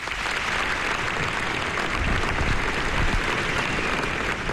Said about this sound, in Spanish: Entre aplausos esa despedida final.